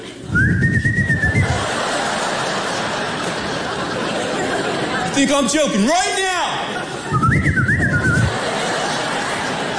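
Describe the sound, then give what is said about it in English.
A father attempts a weak, breathy whistle twice to call his kids in. Each is a thin, wavering tone about a second long, with speech and a laugh in between. “Oh, terrible whistle.”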